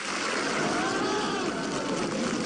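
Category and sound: crowd, audience applause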